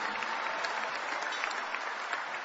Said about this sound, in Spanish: Dale un mejor aplauso al Rey de Reyes y Señor de Señores.